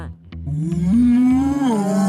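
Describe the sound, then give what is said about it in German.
A single long, loud moo from a cow that has calved and gives milk, rising and holding steady before sliding down, clear with no other sounds around it. “Ich bin die Kuh und Mutter.”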